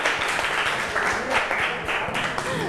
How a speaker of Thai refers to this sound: ปรบมือให้เพื่อนกลุ่มหนึ่งมา